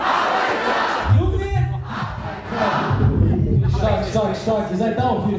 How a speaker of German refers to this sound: Beim Konzert in München brauchen sie keine 30 Sekunden, um das Publikum mitzureißen und zum Feiern zu bringen.